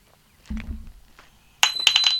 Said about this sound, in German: Was war das denn? Jetzt ist der Schlüssel aus der Tür rausgefallen. Einfach von selbst.